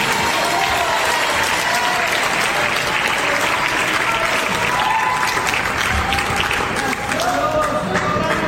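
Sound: audience applauding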